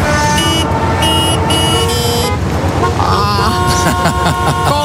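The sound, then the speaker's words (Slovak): Several car horns honk over one another in a dense, continuous racket in a 20-kilometre-long traffic jam on a highway, long blasts and shorter toots overlapping above a low rumble of idling traffic, loud throughout. “20 kilometrov dlhá kolóna dala naozaj zabrať všetkým zúčastneným.”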